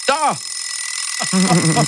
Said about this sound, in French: Oui, qu'est-ce qu'il est désagréable ce bruit, disons-le. Et au fait, l'invention du réveil, ça remonte à quand?